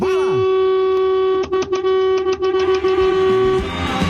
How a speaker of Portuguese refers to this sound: Aí o buzinaço, Léo.